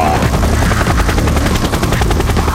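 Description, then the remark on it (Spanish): The rotor of the Qué Buen Cóptero, a radio traffic-report helicopter, thumps in a fast, steady beat over a loud, continuous engine roar, with no voices present. “desde el Qué Buen Cóptero con el reporte vial.”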